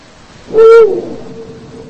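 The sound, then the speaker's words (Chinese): A single deep, resonant hoot of a Eurasian eagle-owl on a high cliff near Seoul, South Korea, rings out clearly, a short steady tone lasting about half a second against a quiet background, with a faint lingering echo afterward. “作为猛禽，雕鸮是一种非常长情的生物。”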